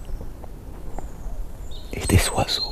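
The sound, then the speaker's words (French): Birds chirp in a quiet forest of cork oaks, Mediterranean pines and Landes pines: a faint, thin whistle drifts, then a brief, brighter flurry of chirps rises near the end over a soft outdoor hush. “Des oiseaux.”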